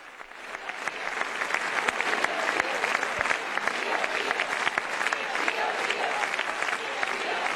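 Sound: long round of applause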